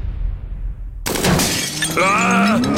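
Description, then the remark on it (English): After a second of near silence, a window suddenly shatters with a loud crash, and the breaking glass keeps sounding with bright, ringing tones until the end. “My windows need replacing, and it's hasta la vista, baby, to my sliding door.”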